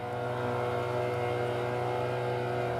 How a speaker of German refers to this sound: Wir lösen uns jetzt vom Anker. Und dann können wir starten. Zack. Mit 8 PS geht es langsam los. Fast 40 Jahre alt sind die Motoren.